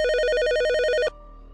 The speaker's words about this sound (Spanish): Las puertas del elevador comenzaron a cerrarse otra vez, pero justo antes de hacerlo, escuchó un teléfono sonar en una oficina al lado del pasillo.